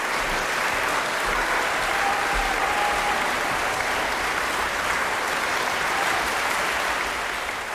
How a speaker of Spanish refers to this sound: 4 de junio en la Schubertiada de Schwarzenberg por el pianista suizo Francesco Piemontesi, una interpretación llena de matices y con una enorme paleta de colores sonoros que Piemontesi extraía del piano y por la cual sonaban estos merecidos aplausos.